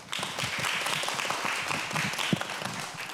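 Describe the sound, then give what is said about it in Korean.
A crowd applauds steadily to welcome a speaker to a panel discussion, a dense wash of many hands clapping at once with scattered sharper claps standing out, moderately loud and sustained throughout. “네, 큰 박수로 또 맞이하겠습니다.”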